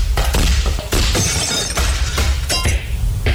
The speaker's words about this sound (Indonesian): Arum, kacanya pecah.